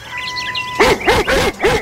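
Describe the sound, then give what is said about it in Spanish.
A dog barks four times in quick, evenly spaced succession, loud, after a brief stretch of faint chirping and a steady tone. “Ni más falta, hoy el protagonista es Firulais, porque recordemos, hoy celebramos, conmemoramos el Día Nacional del Perro.”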